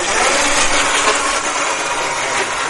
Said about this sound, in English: And on the floor, there's something that looks like a car battery got in a fight with a Roomba. It scoots back and forth on command.